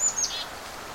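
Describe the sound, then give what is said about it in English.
A few very high, thin golden-crowned kinglet calls come in a quick cluster at the start, faint, from a small mixed flock with chickadees, followed by quiet outdoor background. “Although I'm hearing a little high sound. It looks to be a golden-crowned kinglet.”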